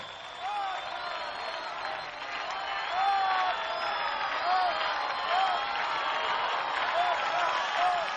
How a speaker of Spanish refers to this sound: un fuerte aplauso.